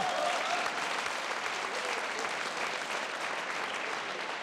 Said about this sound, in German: Das ist ein Applaus.